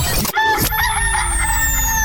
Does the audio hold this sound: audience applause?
no